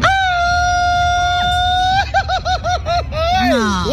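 A loud, close traditional Mexican grito: one high sustained yell held for two seconds, then a quick rhythmic ay-ay-ay warble and a final falling whoop, with no talking over it.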